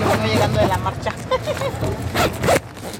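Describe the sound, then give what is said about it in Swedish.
A woman unzips her tent, wet inside from a night of heavy rain, in a teachers' protest camp a few blocks from the Zócalo in Mexico City; the zipper is pulled open in several quick, raspy bursts, with a low murmur of voices and outdoor background noise underneath. “öppnar dragkedjan till sitt tält.”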